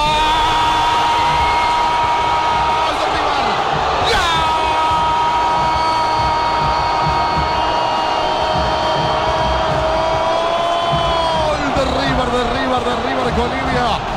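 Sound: stadium crowd roaring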